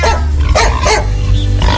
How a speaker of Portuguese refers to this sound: O cachorro latiu.